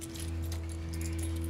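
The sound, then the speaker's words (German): Keys jangle and clink in a quick metallic flurry as they are handed over, bright high chimes scattered over a steady low engine-like hum, with no voices. “Geben Sie mir bitte noch den Schlüssel.”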